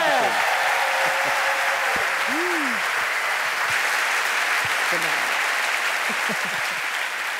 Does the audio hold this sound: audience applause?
yes